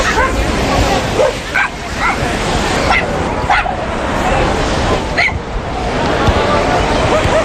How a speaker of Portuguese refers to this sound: porque está aqui um cão que já teve sorte numa iniciativa destas, mas com futebol.